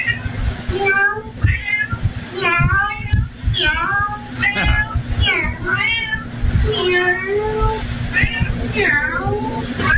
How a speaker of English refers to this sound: There's a woman posted this video after her security camera caught her cat talking to the handyman.